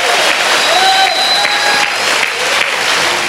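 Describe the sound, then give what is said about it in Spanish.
An audience at a church service in Managua, Nicaragua, claps in a steady, dense burst of applause while scattered voices shout out praise to God over it, the clapping staying loud and even for about three seconds. “Pegue un buen grito, denle gloria a Dios, porque aquí está el Señor.”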